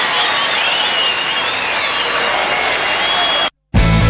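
Steady applause from a sizable audience for a children's choir fills the first three and a half seconds, dense and even, then cuts off abruptly into a brief silence before a different loud sound starts.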